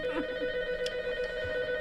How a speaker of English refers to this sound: See, that'll stop when you pick up the phone.